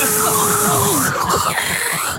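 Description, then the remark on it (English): A voice imitates a dentist's drill with a sustained, high, nasal whine lasting about two seconds, its pitch wavering slightly before cutting off abruptly. “Just the noise of that whirring of that drill.”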